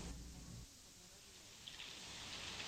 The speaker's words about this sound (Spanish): Por la noche volvió a llover. Los vidrios de la ventana estaban opacos, y del otro lado las gotas resbalaban en hilos gruesos como de lágrimas.